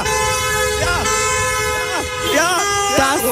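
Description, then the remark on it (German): A dense chorus of car horns blares continuously from traffic reporters' cars at a free car wash event, several overlapping honks of different pitches sounding together at once, loud, with some horns wavering up and down in pitch. “schönes Hubkonzert war das gestern.”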